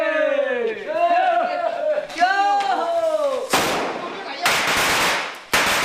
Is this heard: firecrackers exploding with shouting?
yes